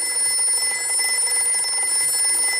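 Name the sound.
telephone ringing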